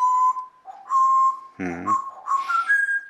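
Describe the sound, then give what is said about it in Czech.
A pet parrot named Žanda whistles in long steady tones around one pitch, broken by a brief buzzy hooting burst midway, then rising, sliding whistles that mimic a locomotive's call. “No, lokomotivu umíš.”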